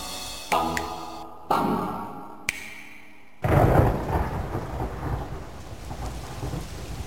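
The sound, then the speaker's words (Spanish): A few sharp, echoing cracks give way to a loud burst of thunder, then steady, heavy rain pours on, with rumbling underneath. No voices are present. “La lluvia inició un día cualquiera de verano.”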